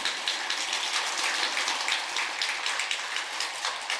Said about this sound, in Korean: 웃긴 소리만 해서 이렇게 박수 치실 게 아니라 좋은 이렇게 내용 들으시면 예, 가끔 박수도 치고 그러세요.